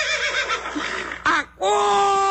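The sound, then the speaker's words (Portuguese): A horse neighs loudly, a shrill, quavering whinny that wavers and drops in pitch, followed by a brief pause and a steady, sustained tone. “Acorda, cavalo!”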